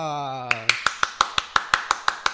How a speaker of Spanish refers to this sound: ¡Qué maravilloso! Otro aplauso y ahora el saludo y el aplauso especial para mamá.